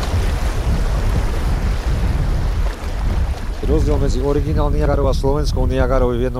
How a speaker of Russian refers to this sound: Ровный участок заканчивается. Река вновь делает поворот под прямым углом. Усиливающийся шум воды предвещает очередные пороги. Впереди местный Ниагарский водопад.